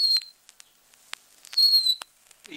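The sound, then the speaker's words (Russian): A bird-call whistle mimics a nightingale to lure one in: two high, thin sustained whistled notes with short sharp chirps and ticks scattered between them, fairly quiet, with no talking. “Вот так бывало первого соловья поймать только вот таким свистком.”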